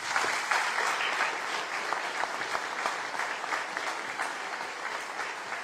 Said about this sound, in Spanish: Así que de verdad, démele un fuerte aplauso.